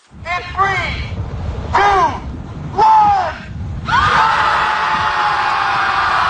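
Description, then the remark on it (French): A large crowd of about 300 people screams together beside a lake, with three rising-and-falling bursts of overlapping shrieks before the yelling swells into a loud, continuous roar that carries to the end. “Ça fait en sorte qu'ils se sont retrouvés au bout de quelques semaines à 300 à côté du lac à crier.”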